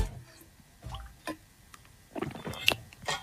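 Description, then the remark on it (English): Several soft sips and slurps of water as a group takes a team sip to stay hydrated, scattered irregularly over a few seconds with faint wet gulps and clicks, against a quiet background with no talking. “If you've got water in your hand, ready, let's all have a sip and stay hydrated.”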